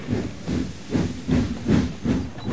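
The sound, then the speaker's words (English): A steam train hisses with a steady, rhythmic chuffing, broad bursts of steam puffing about twice a second over a continuous low rumble, with no voices. “Don't want to miss your train.”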